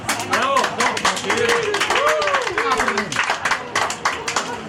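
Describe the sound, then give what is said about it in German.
A crowd applauds steadily with dense, rapid clapping throughout, loud, while voices whoop and cheer over the clapping; an applause sound effect played after a singer's performance. “Ich weiss gar nicht, ob wir da irgendeinen Applaus oder so etwas haben.”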